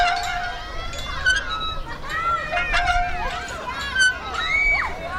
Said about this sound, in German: Die Schaukel quietscht, auf der Rutsche rattert gerade jemand runter und hinten auf der Wiese wird Fußball gespielt.